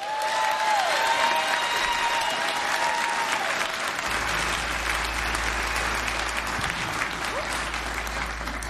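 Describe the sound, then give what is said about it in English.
Loud, sustained applause from a large audience at the Mountain Stage show fills the whole stretch, with dense clapping and a few whistles cutting through near the start. “I heard you guys clapping real loud for St. Albans out there.”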